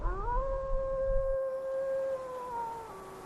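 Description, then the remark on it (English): A long, sustained wolf howl echoes in the evening from the hills behind a hut, rising and holding a steady pitch with layered harmonics, then dipping slightly at the end, carrying over a low rumble of wind in an open setting. “In the evening, the hills behind his hut echo with the howling of wolves.”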